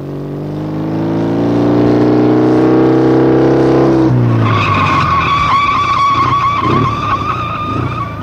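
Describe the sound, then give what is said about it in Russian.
A motorcycle engine drones steadily for a few seconds, then tires break into a loud, sustained screeching skid as the bike brakes hard to a stop, with no voices. “Почему ты затормозил”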